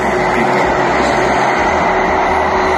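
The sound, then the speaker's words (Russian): A loud, steady engine drone from an attack drone passing low overhead, right over a house, a continuous buzzing roar with a sustained tonal hum running through it and no voices. “Я думал, на мопеде туда проехал. Нет, это пролетело над головой.”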